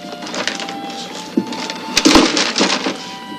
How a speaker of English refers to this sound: Let me have a Three Musketeers and a ballpoint pen, one of those combs there, a pint of old Harper, a couple of flashlight batteries, and some beef jerky. The clerk puts everything in a paper bag.